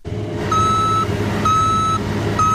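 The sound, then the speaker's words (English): A cargo truck being loaded with soybeans by a 65-year-old man, its engine rumbling steadily while a backup alarm sounds three long, evenly spaced beeps. No one speaks. “age 65, loads soybeans into a cargo truck.”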